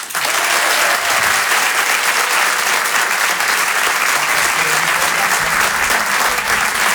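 Loud, sustained applause from an audience, a dense, steady wash of many hands clapping for the full seven seconds with no voices standing out.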